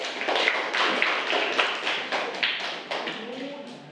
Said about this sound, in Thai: เดี๋ยวครูจะให้นักเรียนกลุ่มที่หนึ่งนะคะเป็นผู้นำเสนอใบกิจกรรมนี้นั่นเองค่ะขอเสียงปรบมือให้กับกลุ่มที่หนึ่งด้วยค่ะ